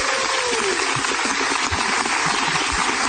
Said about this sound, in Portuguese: É espontâneo. Calma, calma, gente. E continua aplaudindo. É isso aí.